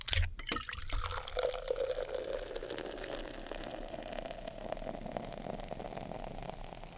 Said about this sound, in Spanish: Así que yo les aviso, ahí les va el tono Coca-Cola, así que es momento de que manden su fotografía.